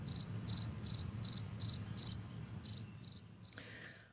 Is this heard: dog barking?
no